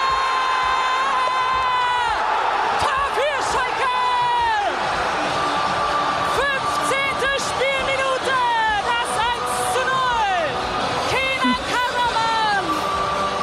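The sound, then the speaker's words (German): A huge stadium crowd roars in celebration after Schalke captain Kenan Karaman scores in the 15th minute, a dense wall of cheering with whoops, shouts and rising yells layered throughout, sustained and loud for the whole stretch. “Karaman, Schuss, Tor!”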